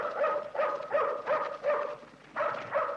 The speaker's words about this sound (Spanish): Una sombra que avanza hace ladrar al perro de Reina que sentada en la escalera de su carro lo detiene rápidamente.